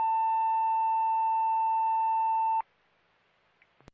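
A dispatch radio alarm tone sounds as one loud, steady, mid-pitched electronic note for about two and a half seconds, then cuts off abruptly, leaving faint static and a couple of quick clicks.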